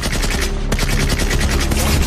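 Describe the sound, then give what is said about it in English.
A Canadian tank commander, emerging from his hatch at night, fires his weapon toward German troops: rapid, sustained automatic gunfire rattles continuously, loud and dense, with a brief dip before the bursts resume amid a thick wall of battle noise. “He emerges from his hatch and begins to fire, adding to the cacophony.”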